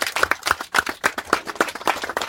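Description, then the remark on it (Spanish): Audience applause for the community members at a gathering, a steady, fairly loud patter of many hands clapping together at once, continuing without a break for a couple of seconds with no voices over it. “Así que sean bienvenidos todos y bienvenidos a las bases y un fuerte aplauso para ustedes porque gracias a ustedes se ve todo este acto.”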